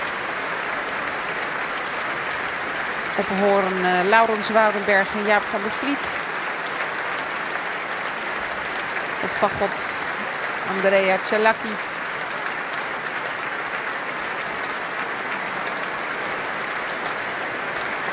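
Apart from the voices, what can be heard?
audience applause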